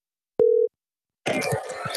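A single short telephone tone sounds once, clear and steady, the ring of an outgoing call to Ireland, followed after a brief silence by a burst of noisy, muffled voice-like sound.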